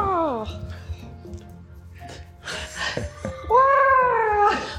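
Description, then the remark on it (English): Someone imitates seagull cries with their voice: a brief falling squawk at the start, then breathy rustling, and a longer, loud, wavering high-pitched cry near the end. “Pretend to be a bird and make seagull noises while you're doing that there.”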